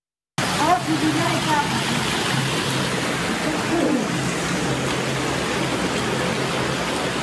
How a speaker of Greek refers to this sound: Βίντεο που καταγράφηκε την ώρα της ισχυρής καταιγίδας αποτυπώνει τη στιγμή που τα νερά έχουν εισβάλει σε σπίτι, μετατρέποντας το εσωτερικό του σε μία μεγάλη λασπωμένη λίμνη.